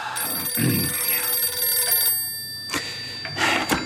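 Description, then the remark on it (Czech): An old-fashioned telephone bell rings loudly and insistently, its metallic trill sounding in bursts with no one speaking over it. “Tak si sedněte za stůl a hlídejte telefon, kdyby volali ze sněmovny.”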